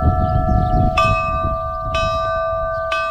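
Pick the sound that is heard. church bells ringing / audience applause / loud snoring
church bells ringing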